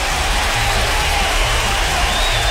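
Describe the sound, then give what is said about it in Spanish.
A crowd applauds and cheers on a radio show, for Orlando and Rolando on 11 September, in a dense, steady wash of clapping with scattered whoops, staying loud and unbroken for a couple of seconds. “Un aplauso para ellos.”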